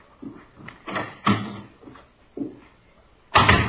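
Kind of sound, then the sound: household object, door opening and closing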